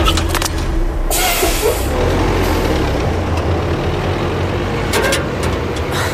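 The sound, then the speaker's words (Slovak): A heavy garbage truck engine rumbles loudly and steadily, with brief hissing bursts like air brakes, as the truck pulls away. No one speaks. “chystáte sa vliesť aj do smetiarského auta?”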